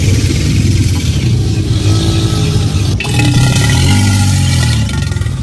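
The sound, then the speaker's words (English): An alligator bellows in a loud, deep, throaty rumble that drones on for several seconds like a revving engine, with a brief break before it swells again. No one speaks. “It's an alligator.”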